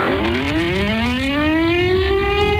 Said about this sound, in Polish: Przejmujący, ale jednocześnie symboliczny i ważny dźwięk syren co roku wybrzmiewający w godzinie W, czyli o 17:00 i przypominający o rocznicy wybuchu Powstania Warszawskiego.